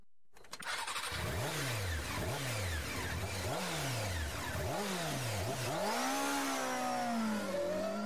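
A motorcycle engine revs hard in repeated bursts, pitch sweeping up then dropping about five times before settling into a higher, sustained whine, loud with no talking.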